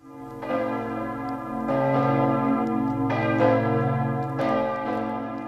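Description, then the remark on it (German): Several large church bells of Kloster Ettal, a monastery, ring in overlapping strikes roughly every second or so, their deep, rich tones sustaining and blending into a continuous resonant peal, loud, with no voices. “Das sind die Glocken von Kloster Ettal, sozusagen die örtliche Hausmusik.”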